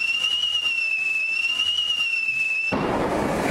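A shrill, steady whistle holds a high, slightly wavering pitch for nearly three seconds, then cuts off abruptly into a harsh, crackling burst of noise as the firework goes off.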